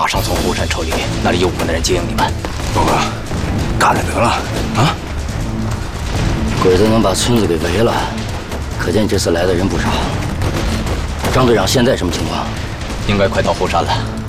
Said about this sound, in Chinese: 完了，枪声怎么回事？ 鬼子来了啊！鬼子来了！